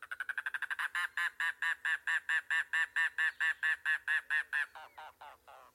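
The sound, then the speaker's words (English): A mangrove cuckoo sings a long series of harsh, nasal, guttural notes, rapid at first, then steady and evenly spaced before slowing and fading at the end. It is clear, with no other sounds. “There lurks a more secretive bird in the Everglades and Florida Keys, the mangrove cuckoo.”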